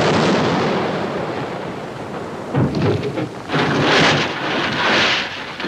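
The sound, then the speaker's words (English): Cannon fire of a 21-gun salute rolls out in a few heavy, rumbling booms over a steady roar, the blasts arriving at uneven intervals. No voices are heard. “A 21-gun salute. Look at those beautiful cannons.”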